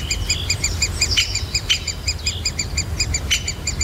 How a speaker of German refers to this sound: Und ist ein Buntspecht.